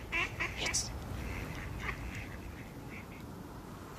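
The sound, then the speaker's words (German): A duck quacks several times in quick, uneven bursts over a steady low background rumble; the calls thin out and grow softer toward the end. “Doch die Ente auf. Na toll.”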